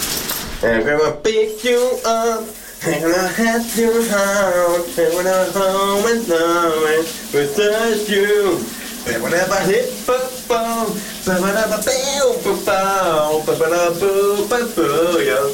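A man sings a pop melody in sustained, wavering phrases while a steady hiss of shower water runs underneath the whole time, the spray noise constant and fairly loud.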